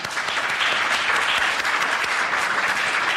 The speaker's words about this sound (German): ich würde sagen, wir klatschen jetzt mal für unser Podium hier.